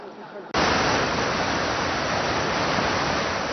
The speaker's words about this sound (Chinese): 而就在八威台风中心距离台湾最接近的此刻，在台北市区虽然没有明显的强降雨，但是呢，我们可以充分感受到阵阵强风带来的威力。